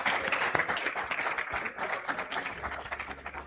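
An audience applauds in a steady wash of many overlapping claps, dense and sustained for a few seconds without clear pauses, with no voices on top.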